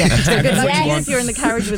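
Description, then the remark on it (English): A voice imitates a new-design handheld electric fan from Amazon whirring, a breathy, hissing drone with wavering pitch that rises and dips over under two seconds, fairly loud throughout. “They have these ones nowadays that are the new design, which actually sounds like a little plane taking off.”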